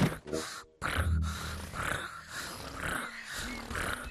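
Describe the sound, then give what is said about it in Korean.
A child's voice imitates a contented tiger, making a continuous low rumbling, growl-like purr that runs steadily for about four seconds with a brief break near the start. “그리고 호랑이는 기분이 좋을 때 이런 소리를 내.”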